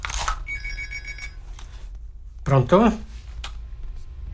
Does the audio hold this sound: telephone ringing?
yes